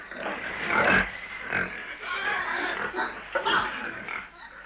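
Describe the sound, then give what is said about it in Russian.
Several pigs in a pigsty grunt and snort in a steady, overlapping jumble, with louder squealing bursts rising now and then, continuous throughout. “Когда свиньи насытятся, можешь доесть за ними остатки.”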